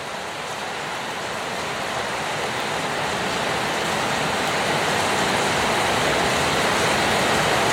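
A heavy downpour roars steadily throughout, a dense, even hiss of rain that builds slightly in loudness, with no voices or other sounds breaking through.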